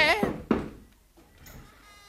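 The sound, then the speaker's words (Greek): Two firm knocks on the door of a school of study, a short pause between them, followed by a faint, low rustle that trails off. “Ας χτυπήσω του σπουδαστηρίου την πόρτα.”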